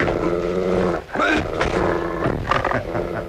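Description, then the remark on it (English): A dog snarls and growls steadily at a man on the floor, a harsh, rasping, loud rumble that dips briefly after the first second, then surges back with sharper, higher bursts of snarling. “Look him straight in the eye. Look at him, not 6 inches from your throat and dying to go in closer.”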